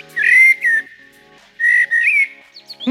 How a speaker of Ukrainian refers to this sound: Ні, це не соловей. Ти що, не впізнав чорного дрозда?